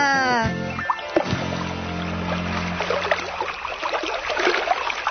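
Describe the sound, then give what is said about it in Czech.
A bird, Rony, lands on a pond with a burst of splashing, followed by continuous rippling, sloshing water. A short tonal vocal sound comes just before the splash. “Rony vidí rybník. Tam se Bufičku napijeme. Dáme si do zobáčku. To je bezvadné. Pozor, Rony přistává.”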